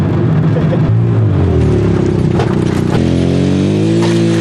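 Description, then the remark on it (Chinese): A three-wheeled motorcycle, ridden before dawn after a night of snow toward the lake ice where fishing nets are laid, drones steadily and loudly, its low hum shifting pitch upward a couple of times as it accelerates, with gritty rattling noise over the motor and no voices. “天色未明，周柯宇已骑着三轮摩托车驶向那片布下渔网的冰面。”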